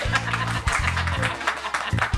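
A small crowd claps steadily for a couple of seconds, a dense patter of hands fairly close by, with voices murmuring underneath.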